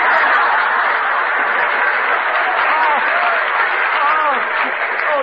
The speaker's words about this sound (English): Hey, Confucius, clap hands. Here comes Charlie.